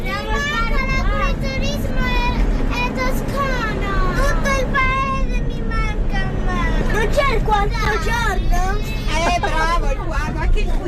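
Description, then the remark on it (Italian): Many children's voices chatter and call out over one another, high-pitched and lively: about 15 seven-year-old pupils of class 2D of Nazario Sauro elementary school in Milan, on a coach bus through the Tuscan countryside, over a steady low engine rumble of the moving bus that continues throughout. “il bambino che guarda la campagna toscana dal finestrino del pullman saluta gli alberi e l'erba”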